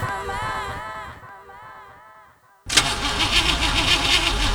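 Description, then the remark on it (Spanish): A car engine cranks unevenly for a couple of seconds, sputtering and straining, then goes quiet before suddenly catching and roaring loudly into a rough, steady run. The car has run out of engine oil. “¿Otra vez tu auto fregado?”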